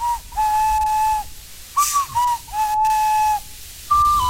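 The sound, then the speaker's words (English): A short whistled melody of about six clear, pure notes, some held long and others brief, moving slightly up and down in pitch, with faint breathy hiss and no talking; a melody for playing the game's magic flute, the ocarina, through the Nintendo Switch 2 microphone. “There's a microphone in the Switch 2, so you can actually hum or sing a little melody to do things on the game's magic kind of flute, the ocarina.”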